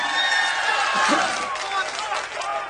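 A crowd applauds the Lord steadily with scattered cheers and shouts mixed in, a dense, loud wash of clapping that holds for a few seconds.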